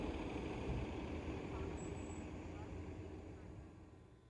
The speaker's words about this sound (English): Back above ground, there are plenty of buses that go around City Hall, too. 13 different bus routes, actually.